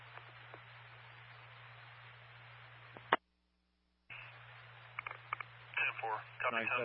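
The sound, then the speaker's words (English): Steady radio static hisses under a low hum, cuts to silence for about a second, then crackles back in. Muffled, distorted voices come through the noise near the end. “Got a lot of static.”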